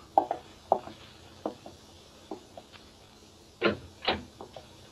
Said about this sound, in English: I pulled myself together and went out and opened the door.